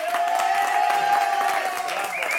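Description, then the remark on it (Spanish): A crowd claps and cheers steadily and loudly throughout, a dense wash of applause with a sustained whistle-like tone running across it and scattered shouts mixed in. “¡Un aplauso! Muy gracias. ¡Ese aplauso nos escucha!”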